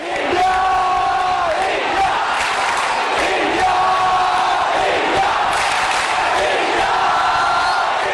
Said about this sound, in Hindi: अगले 10 दिन सात समुंदर पार स्कॉटलैंड के ग्लासगो की फिजाओं में भी इंडिया इंडिया के ये नारे गूंजते सुनाई देंगे